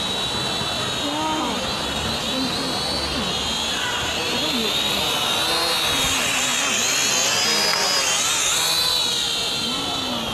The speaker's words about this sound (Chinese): 看，无人机来了！哇！